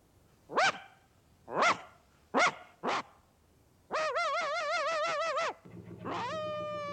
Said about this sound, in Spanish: Otro perrillo ladra desde el techo de una barcaza que navega por un río entre campos.